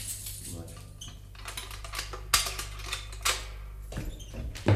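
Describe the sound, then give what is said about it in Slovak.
Metallic jingling and scraping, like keys being handled at a lock, with several sharp clicks and clunks scattered through a few seconds over a low steady hum. “Prečo neotváraš? Daj sem kľúče.”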